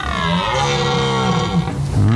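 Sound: red deer stag bellowing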